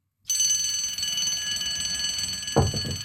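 An alarm bell starts abruptly and rings continuously with a bright, sustained metallic clang, loud and close, carrying on without pause; a brief low thump sounds near the end.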